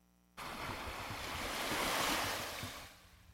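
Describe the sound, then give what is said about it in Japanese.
Ocean waves at the sea in Okinawa, Japan, wash in with a steady, broad roar of surf that swells to a peak and then recedes, heard alone with no voices and a light rush of wind. “波の音が心地いいですね。”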